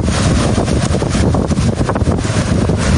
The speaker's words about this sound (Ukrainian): А ось цей вогняний смерч побачили в Україні наші ДСНСники в Чорнобильській зоні.